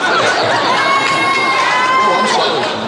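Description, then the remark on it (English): A dense crowd of women screaming shrilly at a male singer, a loud, continuous wall of high-pitched shrieks and cheers that holds steady for a few seconds with no letup. “That's the first time I ever heard a woman screaming at a male singer.”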